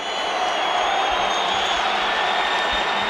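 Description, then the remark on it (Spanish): A football crowd at the Metropolitano stadium applauds and murmurs as Yago Aspas comes on as a substitute, a steady, dense wash of noise that holds at an even level for the whole few seconds, with no clear individual voices standing out. “Algún aplauso.”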